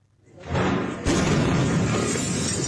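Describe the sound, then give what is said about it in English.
A deep rumble swells into a powerful explosion of detonating pyrotechnic material at a military barracks in Viacha, Bolivia, southwest of La Paz, then a sharp crack as neighbourhood windows shatter, leaving a loud, sustained roar of debris and noise. “The moment a powerful blast shook a neighbourhood of Viacha, shattering windows and sending traumatised people scurrying for shelter.”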